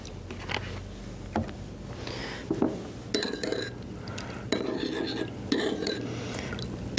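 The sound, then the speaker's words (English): A spoon stirs a simple sweet orange-flavoured salad dressing with a touch of salt in a bowl, making a run of light clinks and scrapes against the sides, some ringing briefly, over a steady low hum with no talking. “Just give this a bit of a stir up, and that's all it is, just a very simple sweet dressing with a lovely orange flavour.”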